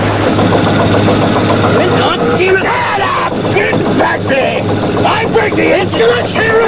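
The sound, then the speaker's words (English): A boat engine roars loudly and steadily, laboring hard near maximum RPM with a deep, constant drone while dark smoke drifts from the engine compartment, and a voice talks over the din. “The needle on the RPM gauge nears the maximum limit. Below, dark smoke drifts around the opening to the engine compartment.”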